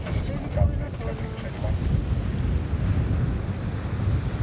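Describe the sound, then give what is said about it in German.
Steady, increasing wind buffets the microphone over the broad, continuous rush of waves at sea aboard a sailing ship as the sails are about to be set, a dense low roar that stays loud and unbroken throughout, with no voices. “Der Wind hat zugenommen, Welle ist irgendwie auch da und gleich werden die Segel gesetzt.”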